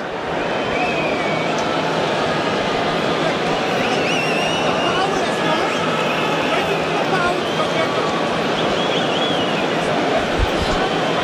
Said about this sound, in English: not sure what the hold-up is exactly. Everyone's waiting for the anthems, and the anthem singers are ready to go. Crowd getting restless.